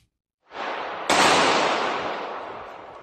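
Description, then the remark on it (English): Loud gunshots ring out inside a shopping mall outside Detroit, Michigan: a burst of noise, then a sharper, louder crack whose reverberation lingers and slowly fades over the next two seconds. “We're going to show you some disturbing video of what sounds like gunshots going off inside the mall.”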